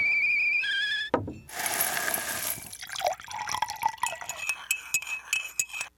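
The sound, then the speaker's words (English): Nescafé coffee being poured into a cup: a brief tonal whine, then a rushing, splashing pour lasting about a second, followed by scattered light drips and small clinks of the cup. “That's the sound of a Nescafé moment.”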